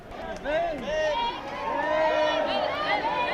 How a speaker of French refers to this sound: Et voilà, c'est sous les applaudissements que les cyclistes rejoignent leur bus qui les attendent, sous le regard admiratif des Barcelonais et des milliers de touristes venus pour ce nouveau show.